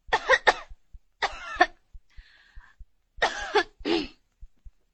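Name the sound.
cough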